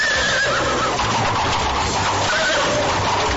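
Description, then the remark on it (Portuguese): A horse whinnies loudly, its high wavering call rising and falling across a few seconds over a dense, rumbling background that may include hoofbeats. “Pegou as suas carruagens, os seus cavalos e pôs-se logo a caminho para a terra onde morava a menininha, a terra de Canaã.”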